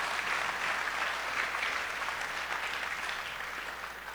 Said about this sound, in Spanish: A nuestro padre Eric, les pido un fuerte aplauso, ya que él está con nosotros.